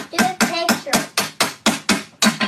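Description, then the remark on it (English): A toy hammer taps plastic ice cubes in a quick, steady series of about ten sharp, bright clacks, each ringing briefly before the next strike, during a game in which players hit the cubes and whoever knocks them all down loses; a six-year-old boy takes his turn. “like a bunch of plastic ice cubes, and then you hit them with a hammer”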